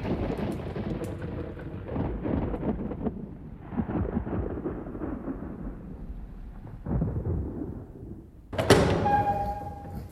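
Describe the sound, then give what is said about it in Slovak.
Deep, rolling thunder from an approaching storm rumbles steadily, swelling into heavier booms near the end, with a sharp, louder crack in the last couple of seconds. No one speaks. “Zdá sa, že čo chvíľa k nám prihrmí poriadna búrka.”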